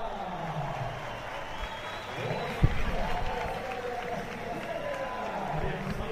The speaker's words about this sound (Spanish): Bueno, pues ovación para Enric Mas, que va a salir al podio.